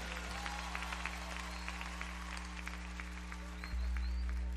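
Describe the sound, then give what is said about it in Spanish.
A crowd applauds steadily for several seconds, a dense, even patter of many hands clapping over a low, constant hum, with no one speaking. “fuertes aplausos para el que se lo merece.”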